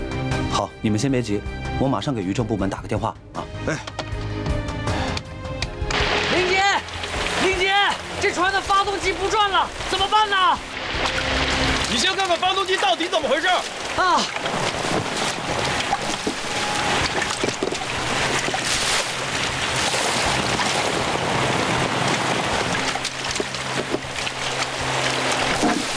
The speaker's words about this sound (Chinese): 这下这么大的雨，不会有危险吧？ 这再危险也得去啊。